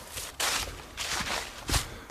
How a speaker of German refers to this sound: Nee, Totenstille. Ja. Außer meine Schritte, die hört man.